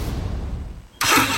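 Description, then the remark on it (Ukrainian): A car engine idles with a low rumble for about a second, then suddenly revs into a loud, roaring burst that holds to the end. “Газуємо!”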